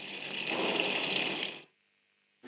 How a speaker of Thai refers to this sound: หลังจากทดลองเปิดน้ำกระทะเปิดวาล์วน้ำนะคะแล้วก็เปิดก๊อกค่ะใช้งานได้ตามปกติแล้วนะคะ